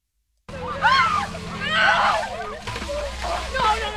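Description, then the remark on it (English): Water sloshes and splashes as players on a Wilmington high school field hockey team dump orange buckets of freezing ice water over their heads in the 10th annual Ice Bucket Challenge, fairly loud, with excited shrieks and shouting voices throughout. “Down the line, players on the Wilmington High field hockey team dump orange buckets of freezing ice water over their heads as they take part in the 10th annual Ice Bucket Challenge hosted by the Wilmington Rotary Club.”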